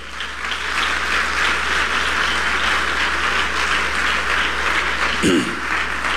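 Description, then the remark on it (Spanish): A large crowd claps steadily and loudly in applause for the Lord, a dense, sustained wash of applause with no pauses, and a brief vocal exclamation rises near the end. “Alguien dé un fuerte aplauso al Señor.”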